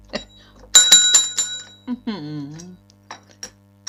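A small bell jingles in a quick burst of four or five bright, tinny strikes, fairly loud, followed by a short vocal sound and a few soft clicks.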